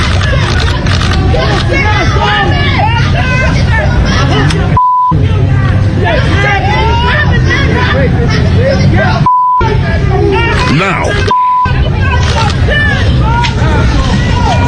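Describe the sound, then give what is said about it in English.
A dense crowd on a Bronx street in New York murmurs and shouts, calling names at a man being perp walked out, over a low traffic rumble, voices overlapping continuously. Three brief silent gaps each end with a short, steady, mid-pitched beep. “You got crowds in the Bronx.”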